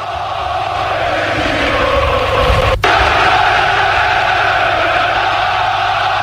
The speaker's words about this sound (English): Come on, Black Stars, they cheer on.